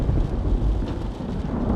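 A steady, heavy wash of rain with deep rolling thunder rumbling throughout, dense low-end energy that stays loud and continuous with no voices.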